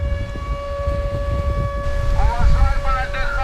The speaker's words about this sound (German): Luftalarm mitten am Tag am Badestrand von Novorossijsk im Norden der Schwarzmeerküste. Doch viele Menschen bleiben einfach liegen. Dieser Sound scheint hier in diesem Sommer dazu zu gehören. Wind und Meeresrauschen mit heulender Sirene.